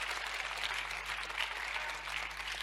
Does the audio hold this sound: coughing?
no